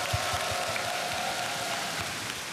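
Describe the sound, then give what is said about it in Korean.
An audience claps steadily for a married couple in a dense, crackling wash of applause that holds an even level for a couple of seconds, with no voices over it. “다시 한번 이 두 분께 큰 박수 보내주시면 감사하겠습니다.”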